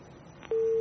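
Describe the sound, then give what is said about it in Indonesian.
A steady telephone busy tone hums at a single pitch after a faint click as a caller's phone line disconnects, then ends with a brief burst of noise as the line cuts off. No one speaks. “Baik, terputus.”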